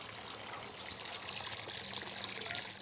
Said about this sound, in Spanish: Bien, ahora en el grifo. Está abierto todo el grifo y sale muy poca agua.